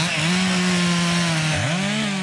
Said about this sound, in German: Kettensäge oder keine Kettensäge? Im Park Sanssouci wäre das ein sehr provokantes Geräusch, gerade für die Verantwortlichen der Stiftung Preußische Schlösser und Gärten.